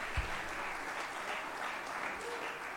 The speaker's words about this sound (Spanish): Muy bien, un aplauso para ella. Muy bien. Excelente.